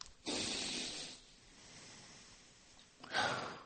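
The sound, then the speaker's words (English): A deep, airy sniff drawn in through the nose for about a second as a big inhale of imagined clear, fresh air, followed after a quiet pause by another short, breathy rush of air. No one speaks. “I want you to take a big sniff in.”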